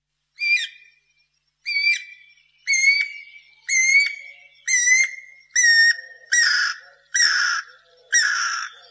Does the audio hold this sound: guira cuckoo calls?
yes